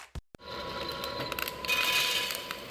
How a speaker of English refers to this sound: That sound? That's coffee being roasted right now. Today is Roast Day at Central Coast Coffee Roasters. Fresh batches dialed in, ready within hours.